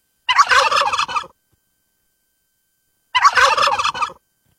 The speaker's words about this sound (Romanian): Curcanul, 4 puncte.